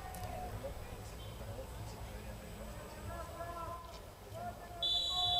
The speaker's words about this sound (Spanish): Bien, ahí está, el protocolo se acaba de cumplir, lo escuchaban ustedes en el silbato del árbitro, la pelota va para la gente de The Strongest para que arranque este partido.